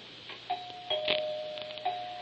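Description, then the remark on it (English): A doorbell rings with a sustained, steady tone, struck again a few times so it swells and rings on. Moderately quiet, with no voices over it. “I don't hear the doorbell. It will ring.”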